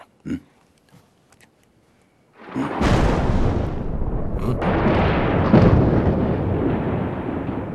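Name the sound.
thunder rumbling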